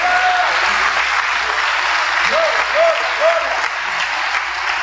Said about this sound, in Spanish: Oh, denle un aplauso al Señor Dios Todopoderoso en esta noche.